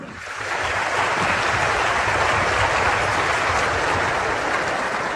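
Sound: audience applause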